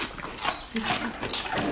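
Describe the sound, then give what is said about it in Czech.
Two bears crunching celery stalks they are being fed, with a run of crisp, crackly bites and snaps repeating irregularly over a soft outdoor background. “Už pěkně chroupají.”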